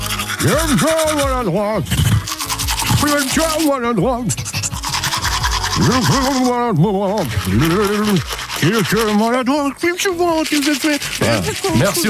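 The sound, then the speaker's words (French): Rapid scrubbing of a manual toothbrush runs throughout in steady bursts, while a voice makes swooping, sing-song vocal sounds over it the whole time. “Ce n'est pas très grave, il la remet demain en route, cette fameuse brosse à dents manuelle, pour jouer avec vous”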